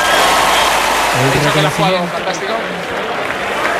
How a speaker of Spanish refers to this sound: La verdad que la ovación que le están tributando a Roger Federer